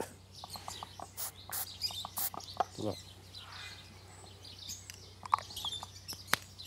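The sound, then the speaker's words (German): Birds chirp in a scattered series of short, sharp, high calls over a low steady hum, with a single brief spoken word partway through, as a bird hurt in a fight between two birds has wound spray applied to its wound. “Da haben sich offenbar 2 Vögel einen Kampf geliefert.”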